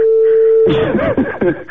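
A phone line rings on an outgoing call to a listener's mobile phone: one steady, low electronic ringback tone holds for under a second, then gives way to a louder, busier stretch of sound.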